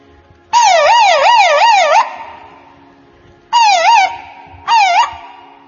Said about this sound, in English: When Swami's car comes out of mandir, the first thing everybody will hear is the police van siren.